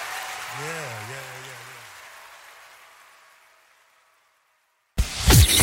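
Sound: audience clapping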